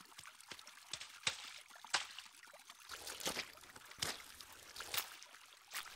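Water is poured into a thick, wet mixture to make mud, with irregular sloppy splashes and a steadier rushing pour in the middle, and no voices.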